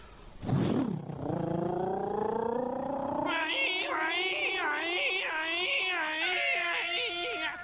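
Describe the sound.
A voice mimics a police siren, starting with a sharp yelp and then a long rising wail that settles into a steady, wavering up-and-down warble, loud and sustained throughout.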